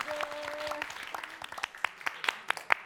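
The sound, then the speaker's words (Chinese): A singing competition audience applauds during a results announcement, dense clapping at first that thins into scattered, sharper individual claps toward the end, with a faint sustained tone underneath early on. “也把掌声送给”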